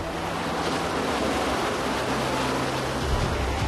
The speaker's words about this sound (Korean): 사나운 파도가 쉴 새 없이 몰아치는 독거도.